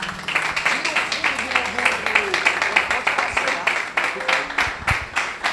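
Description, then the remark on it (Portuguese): A crowd claps steadily in a brisk, even rhythm, the sharp claps filling the whole stretch at a fairly loud level, with faint murmuring voices underneath. “Pode se assentar aplaudindo ao Senhor.”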